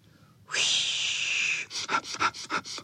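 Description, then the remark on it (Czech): Several dogs sniffing all at once at a trembling burdock plant: a long, loud rush of breath through the nose, then about six quick, rhythmic sniffs in a row, with no talking. “Zafičelo to, jak všichni psi čichali k lopuše, která se třásla jako osíka, ale teď se nesmála, protože bylo zlé.”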